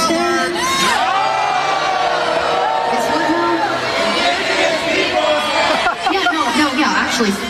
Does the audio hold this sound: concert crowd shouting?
yes